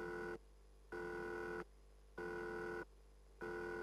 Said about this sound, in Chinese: 想到这儿，普鲁布急忙跑向很少使用的休息室，拿起屋里那部从来不用的电话。吝啬的布朗姆先生从不给他电话费的。他拨通了颜料工厂的号码。